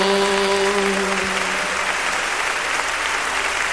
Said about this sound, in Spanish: aplauso al Cordero.